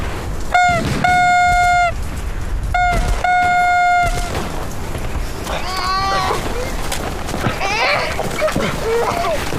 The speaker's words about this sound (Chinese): 吹喇叭，命令部队停止射击。